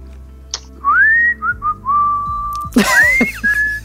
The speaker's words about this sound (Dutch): En dan nu fluitend het weekend in